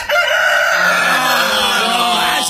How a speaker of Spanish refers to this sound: Ahí está, ahí el gallo.